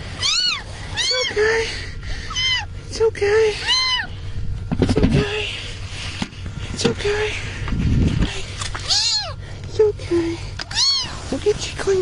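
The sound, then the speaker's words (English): A rescued kitten, found under debris after tornadoes in Mississippi, meows over and over, high and thin, in quick bursts with short pauses, while scraping and thumping noises rise briefly in between. “It's a cool story of a kitten rescue and a little bit of a lecture for the rescuer, but I think that's pretty all right, too.”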